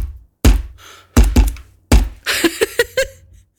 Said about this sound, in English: I was banging my table to...